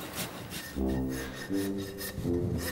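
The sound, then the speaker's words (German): A rasp scrapes repeatedly across a hoof in steady back-and-forth strokes, each with a harsh, gritty texture and a ringing, resonant hum, with no voices. “Eine Stunde lang feilen und modellieren.”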